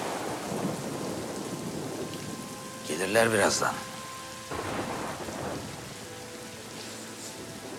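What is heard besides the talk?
thunder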